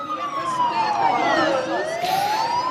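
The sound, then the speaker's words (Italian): A loud air raid siren in Ukraine wails steadily during the final speeches of an equality march, its tone gliding slowly downward and then climbing back up in one long, continuous sweep with no voices over it. “La sirena dell'allarme aereo interrompe il momento dei discorsi finali.”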